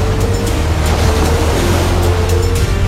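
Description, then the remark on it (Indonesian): A loud, steady roar of high ocean waves crashing on the shore, with deep rumbling surf and faint splashy bursts, continuous, with no voices. “Ombak tinggi menghantam pantai.”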